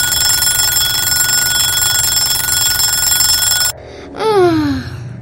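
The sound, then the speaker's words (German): A loud, continuous alarm clock bell rings steadily for several seconds, then cuts off abruptly, followed by a brief descending sliding tone. “Jetzt klingelt sein Wecker.”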